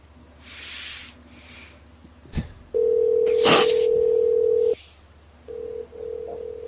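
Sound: telephone dial tone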